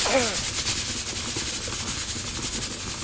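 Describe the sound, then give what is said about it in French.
A loud, continuous hiss of steam from water heated in a pressure cooker escaping, with a rapid fluttering pulse running through the bright rush of air for about three seconds after a brief voice at the start. “En fait, dans la cocotte minute, l'eau chauffe, donc elle fait de la vapeur. Et comme elle est enfermée dans la cocotte, elle veut sortir.”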